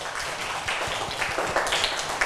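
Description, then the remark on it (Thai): A group of children clap their hands together at their teacher's request during a lesson on rhythm, in a steady, overlapping patter, the many claps blending into a dense, moderately loud wash with no one speaking. “ยกตัวอย่างตอนนี้คุณครูจะให้เด็กๆปรบมื”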